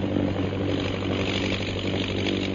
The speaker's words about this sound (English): And the plane's heading south, Lil. Looks as though they're going back to the pass.